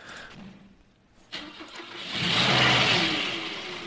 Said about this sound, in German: Hört sich an wie ein aller Diesel.